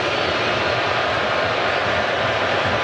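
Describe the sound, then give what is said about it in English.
A huge stadium crowd at a U.S. match roars at the announcement of 10 minutes of stoppage time, a dense, unbroken wall of noise holding steady and loud for a few seconds with no single voice standing out. “And you can hear how they feel about the 10 minutes.”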